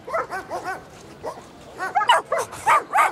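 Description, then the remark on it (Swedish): About forty happy, playful dogs at an opening ceremony bark and yip in short bursts, some clustered quickly together, with a few higher excited yelps toward the end, and a faint crowd murmur underneath. “Invigningen kom och det gjorde även 40 glada och lekfulla hundar.”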